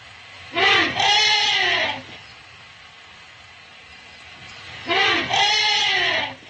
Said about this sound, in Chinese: 现在我要放给你们听的是大象迎接家族中的新生婴儿时发出的声音。